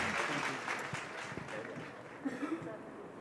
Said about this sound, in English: Huge round of applause for the team of Chor Bazaar.